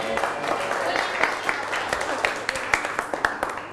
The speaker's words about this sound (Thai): เชิญก่อนปรบมือให้เพื่อน